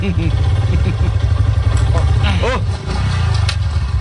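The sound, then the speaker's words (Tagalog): A motorcycle engine runs steadily and loudly, its low rumble continuous throughout, with muffled voices talking over it and a brief dip in the noise near the end. “Manaw ka di sa motor, hindi.”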